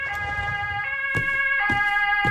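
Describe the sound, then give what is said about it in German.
Ambulance and police sirens wail together at a café, their steady stacked tones stepping between pitches, loud, with a few dull thuds in the background and no one speaking. “Krankenwagen und Polizei.”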